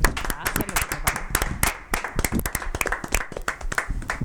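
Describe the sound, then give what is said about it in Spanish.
A studio audience claps steadily at the end of a program, a dense patter of many hands with sharp, irregular slaps that stay at a fairly even, moderate loudness for about four seconds. “Vamos a aplaudir. Aplaudimos.”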